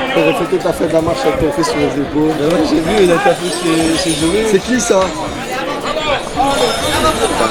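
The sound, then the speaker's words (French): Bells jingle steadily on three draft horses carrying the beast as they pass through a tight bend, their clip-clop mixing with a busy crowd whose people chatter and talk loudly over the whole scene. “Les cloches que vous entendez sont celles des chevaux de trait, évidemment.”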